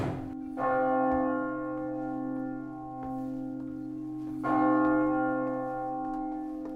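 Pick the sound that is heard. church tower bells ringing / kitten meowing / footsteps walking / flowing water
church tower bells ringing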